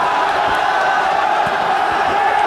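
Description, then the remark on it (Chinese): A large crowd of spectators roars and cheers for fighter Tian Yonghua as he wins the match, a dense, loud wash of voices with shouts rising out of it, sustained at a steady level throughout. “在现场观众山呼海啸的欢呼当中，田永华似乎也得到了力量，结束了这场比赛，取得胜利。”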